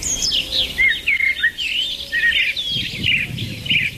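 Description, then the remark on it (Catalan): Birds sing continuously in bright, rapid chirps and trills, several calls overlapping over a low, rumbling background with no talking. “Ara tots sabem que efectivament estem escoltant ocells, eh? Ocells que canten.”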